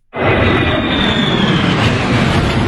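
F-16 and F-35 fighter jets fly overhead during a military parade in Warsaw, above a crowd gathered on a beach, their sudden, loud, steady roar filling the air and holding without letup. No voices can be heard.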